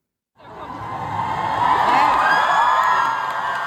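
A large concert crowd at the IGA Park in Rostock cheers and whoops loudly and continuously for a Cologne band on a Saturday, the roar swelling in after a brief silence and holding steady, with high shrieks rising above the mass of voices.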